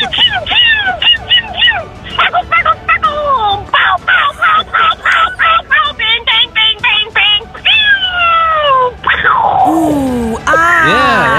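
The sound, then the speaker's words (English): A woman's voice loudly imitates fireworks, starting with a lit fuse, then rapid rhythmic bursts and pops, then long whistling sweeps that rise and fall as if rockets launch and burst. “That sounds like the fuse, by the way. That's how it's starting.”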